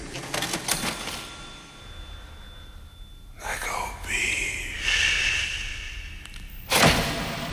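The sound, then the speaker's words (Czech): A cash register rings up a sale at the end of a song: rattling mechanical clicks and clatter, then a bright ringing chime that hangs for a couple of seconds before a final sharp clunk, fairly loud. “Kasa cink, jak se říká na závěr téhleté parádní písničky”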